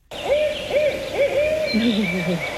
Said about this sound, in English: So this first one is the barred owl. It sounds like, who cooks for you? Who cooks for you?